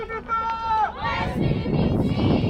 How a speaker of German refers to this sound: Wir erreichen die Insel, begleitet vom Jubel der mitgereisten Aktivisten.